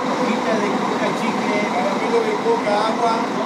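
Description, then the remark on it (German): Steady drone of three coach buses idling outside the train station in Salta, Argentina, a continuous engine hum that never lets up, with indistinct voices murmuring in the background. “Vor dem Bahnhof von Salta schnurren 3 Reisebusse vor sich hin.”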